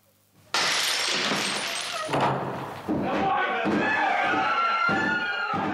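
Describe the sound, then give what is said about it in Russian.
A sudden loud crash of a door being smashed in, followed by splintering and banging impacts, with agitated voices shouting over the commotion. “Не ломайте дверь!”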